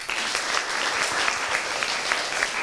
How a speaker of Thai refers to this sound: ใครคิดว่าสวยปรบมือดังๆเลยค่ะ